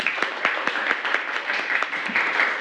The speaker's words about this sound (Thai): ตะเข็บเนาเท่าผลงานของใครคะกลุ่ม3อ้าวปรบมือให้กลุ่ม3หน่อย